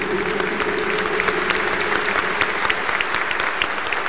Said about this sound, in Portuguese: Uma salva de palmas, Sagrado Coração de Jesus.